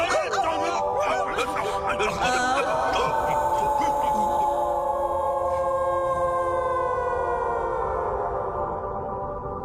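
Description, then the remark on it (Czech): Human voices imitate wolf howls: long, sustained wavering tones that slide slowly in pitch and overlap, preceded by a few short yelping calls, loud and steady throughout. “A proč jsi myslel, že tak pěkně viju?”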